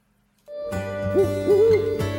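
An owl hoots twice in quick succession, a low rounded call rising and falling, set over a steady humming background after a moment of silence. Nobody speaks.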